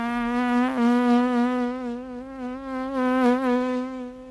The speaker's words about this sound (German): Das Summen einer Fliege.